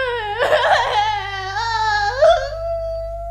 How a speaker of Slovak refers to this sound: Princeznú Sidóniu, ktorá stále plače.